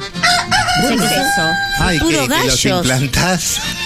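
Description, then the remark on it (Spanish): Several voices crow loudly and continuously like roosters, with overlapping rising and falling cock-a-doodle-doo calls filling the whole stretch. “Bueno, puro gallo.”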